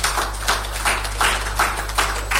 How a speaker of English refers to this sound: Let's clap for them, please.